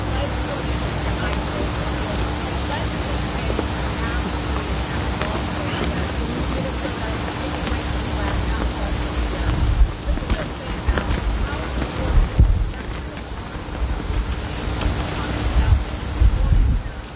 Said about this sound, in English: It's a beautiful day, although it's a bit windy for my taste.